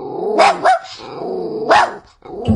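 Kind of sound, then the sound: animal, puppy barking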